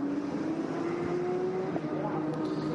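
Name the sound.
race car passing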